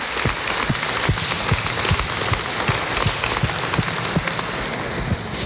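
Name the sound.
loud applause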